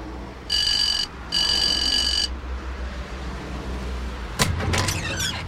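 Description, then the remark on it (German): An electronic doorbell rings twice, two steady buzzing tones of about a second each with a short gap between, followed by a few clattering knocks and rattles against a low background hum. “Ich klingel schon mal.”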